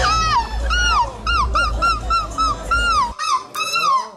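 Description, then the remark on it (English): A person imitates a seagull, letting out a rapid string of about ten loud, nasal, arching shrieks and yelps over a low rumbling background that drops away near the end. “So the only seagull shrieking we have is me.”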